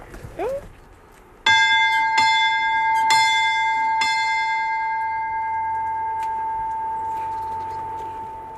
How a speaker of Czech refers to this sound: Co říká tvoje babička, na ten zvon nespadne na hlavu? Je fakt velký, nebo?